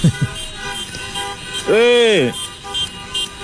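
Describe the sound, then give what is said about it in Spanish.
A single loud car horn honks for about half a second from queued cars behind, amid low background noise, with faint voices and street sounds around it. “¿Qué tanto bocinazo la gente atrás? ¿Qué problema tiene?”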